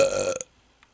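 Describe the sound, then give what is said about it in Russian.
A single loud burp with a low, rumbling, throaty tone lasts under half a second and cuts off abruptly, followed by near silence and one faint tiny click. “Бля, я тебе не перерыгнул уже.”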